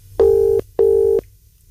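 A telephone ringing tone on an unanswered call before the caller hangs up: two steady, buzzing electronic pulses in quick succession, a classic double ring, clear and fairly loud with a faint background hum and no voices.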